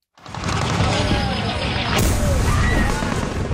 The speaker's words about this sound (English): In a video posted on social media, explosions and gunfire can be heard.